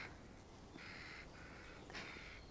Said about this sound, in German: Möwe. Möwe.